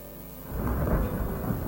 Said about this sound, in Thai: เมื่อเข้าสู่ฤดูฝนมีฝนตกลงมาอย่างหนักลมพัดแรงต้นไม้ในป่าน้อยใหญ่แห่งนี้ ต่างก็โยกไปโยกมาเอียงไปทางซ้ายเอียงไปทางขวาตามแรงของลม